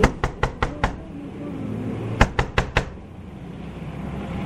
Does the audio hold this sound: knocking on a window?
yes